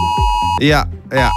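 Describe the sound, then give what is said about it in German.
A loud, piercing electronic warning tone from a mobile phone emergency alert, sent to phones at 11 o'clock on Germany's national warning day (Warntag), sounding continuously with two harsh, wavering bursts pulsing over the steady pitch. “Das heißt, um 11 Uhr klingeln eure Handys und geben diesen Sound hier ab.”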